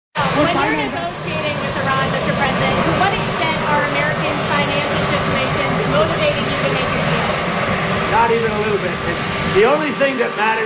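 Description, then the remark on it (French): A loud, steady helicopter drone with rotor noise fills the background, constant throughout, while a man speaks over it. “Bon, alors, je reprends la parole ici parce qu'on entend beaucoup l'hélicoptère derrière lui”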